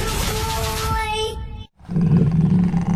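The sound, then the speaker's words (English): A big cat roars loudly, a deep rumbling growl that breaks off abruptly partway through, falls silent for a moment, then surges back in with another powerful roar. “Get ready to roar, Jaguars.”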